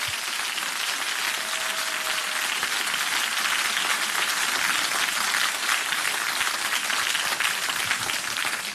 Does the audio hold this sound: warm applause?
yes